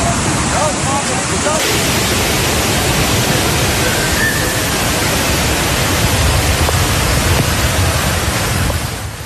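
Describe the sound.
A loud, steady roar of rushing floodwater in Istanbul after torrential rain fills the whole recording, dense, with faint voices briefly audible beneath the churning torrent.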